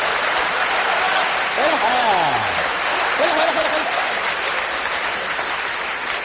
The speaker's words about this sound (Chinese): 您还鼓掌呢，您呢？ 观众朋友们很配合， 几位还真厚道 啊！